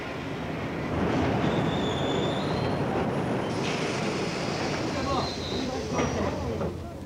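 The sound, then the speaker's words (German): Freight trains carrying only fruit and vegetables arrive in quick succession at Bercy in Paris, a steady, loud roar with thin high wheel squeals whining over it and a few metallic clanks as the cars roll through. “Die Züge, die in dichter Folge einlaufen, bringen ausschließlich Obst und Gemüse.”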